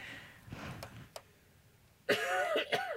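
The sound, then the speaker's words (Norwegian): A broadcast sports presenter clears their throat and coughs during pollen season, a few short rough bursts early on, then a louder, harsher fit of throat clearing near the end, with no speech. “Unnskyld, jeg må bare hoste litt her.”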